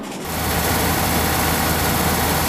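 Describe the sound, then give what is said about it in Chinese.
China's first twin-rotor supercharged rotary engine, developed by Dongan Power, roars to life at its ignition test after a brief quiet start, then holds a loud, steady, buzzing drone with strong low-end throb and dense high-pitched whine, running continuously. The 70 kg engine outputs over 120 kW. “点火成功。 眼前这台设备就是我国首台双转子增压发动机，个头不大，爆发力却不小，输出功率超过120千瓦，相当于一台 1.5T 汽车发动机的能量，但体重只有它的1/3。”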